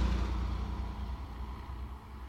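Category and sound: vehicle, taxi driving and stopping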